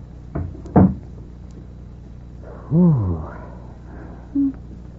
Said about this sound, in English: Close the door for you,